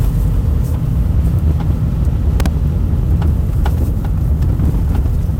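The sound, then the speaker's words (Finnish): A car's rear axle knocks over bumps: a handful of short, irregular clunks cut through the steady, heavy low rumble of the moving vehicle, with no one talking. “Toi nakutus tossa noin.”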